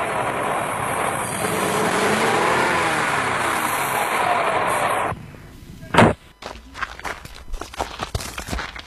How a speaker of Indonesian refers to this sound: Laju kendaraan kami agak melambat ketika berpapasan dengan mobil angkutan umum yang mengangkut anak sekolah yang menuju ke arah kota Gorontalo karena jalannya tidak terlalu lebar.